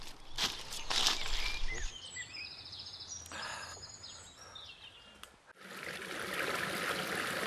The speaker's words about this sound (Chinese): 我们到溪边了，我们在这洗澡，来，过来。 山林间有着很多小溪和清泉。